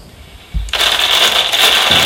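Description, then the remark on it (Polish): A plastic foil bag crinkles and rustles continuously after a brief low thump of handling, a bright, crackly sound that carries on steadily to the end with no voices. “Wiecie Państwo, jak szeleści foliowa torba?”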